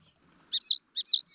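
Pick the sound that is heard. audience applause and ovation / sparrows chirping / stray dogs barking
sparrows chirping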